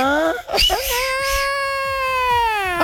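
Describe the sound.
A voice imitates the wailing cry of La Llorona as it sounds in Mexico: one long, sustained, mournful wail held at a steady pitch after a brief rising start, loud and clear for nearly three seconds.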